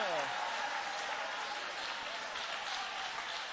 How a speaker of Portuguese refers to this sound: Aplaude a ele, louve a ele, exalte a ele.